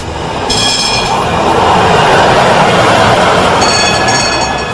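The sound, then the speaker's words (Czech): A tram rolls steadily along its rails with a continuous loud rumble, and thin high-pitched wheel squeals rise briefly near the start and again toward the end. No one speaks. “Ali ne bismo im smjeli zamjeriti, jer u ono doba sve je tada zasjenila titula prvog grada na Balkanu i u Srednjoj Europi koji je imao tramvaj.”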